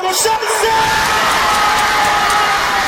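Thousands of football fans gathered on Trg slobode roar in celebration as the Zmajevi (Dragons) score their first goal at the World Cup, a loud unbroken wall of cheering and whoops, with a few sustained high tones riding over the din.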